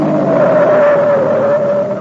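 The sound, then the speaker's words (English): A car engine drones loudly and steadily, with a sustained whine that sinks slightly in pitch as the car travels along a narrow mountain road and the driver brings it to a stop; no voices are heard. “As they made their way along a narrow mountain road toward the secret hideout of the commando troops, the driver suddenly brought the automobile to a stop.”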